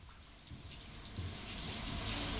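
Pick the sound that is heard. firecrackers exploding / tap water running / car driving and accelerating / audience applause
tap water running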